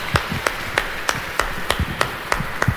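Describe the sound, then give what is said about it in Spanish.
Applause for the Virgin, Nuestra Señora del Quinche, during a Catholic prayer service in El Quinche, in a steady rhythm: about nine sharp, evenly spaced claps at roughly three per second, fairly loud over a soft background murmur, with no one speaking. “El aplauso para ella, por favor.”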